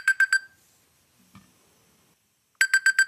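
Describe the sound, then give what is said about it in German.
Classic alarm-clock style beeping from a smartphone alarm: a quick burst of three sharp, bright beeps, a pause with a faint soft bump, then four more rapid beeps, loud. “Das klingt wie so ein klassischer Wecker, ne?”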